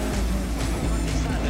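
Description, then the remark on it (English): A rally car races along a wet road with lots of standing water and gives a little wiggle. Its engine is a steady low roar blended with a constant hiss of tyres through water, loud, with a muffled voice underneath. “Just a little wiggle from the car there. So much standing water around.”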